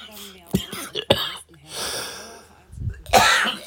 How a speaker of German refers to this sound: So, jetzt haben wir kurz gehustet.